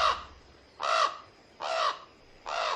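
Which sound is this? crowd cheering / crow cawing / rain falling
crow cawing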